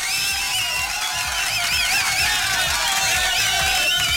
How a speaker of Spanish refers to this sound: Aplausos, por favor.